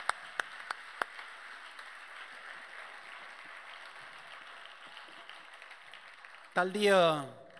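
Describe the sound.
An audience applauds steadily for several seconds, with a few sharp individual claps standing out at the start, before a voice starts speaking as the clapping ends.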